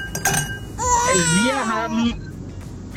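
A brief, heavily altered snippet of a rap song played as a guess-the-song quiz on Radio Regenbogen: a warped, pitch-bent vocal line glides and wobbles for about a second over a dense, noisy backing, then cuts off abruptly.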